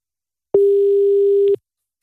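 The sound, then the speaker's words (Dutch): A single one-second burst of a steady, mid-pitched telephone ringback tone heard while an outgoing call connects, fairly loud and clear, with a soft click at each end and silence around it. “Even kijken of ik Cheryl kan bereiken. Even hopen dat ze de telefoon opneemt.”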